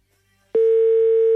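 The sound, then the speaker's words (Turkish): After a short silence, a loud, steady telephone ringing tone begins abruptly, a single mid-pitched electronic hum holding unbroken to the end, with no voices; the ringing of an outgoing phone call being placed. “Çok gür çalıyor yine telefon.”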